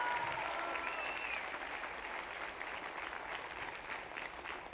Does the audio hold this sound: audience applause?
yes